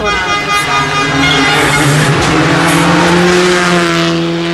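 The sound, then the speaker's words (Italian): A Skoda Fabia Rally 2 rally car roars past, its high-revving engine whining loudly with harmonic tones shifting as it passes, the sound steady and intense throughout. “Questa era Luca Bertani con Stefano Oppimitti su Skoda Fabia Rally 2.”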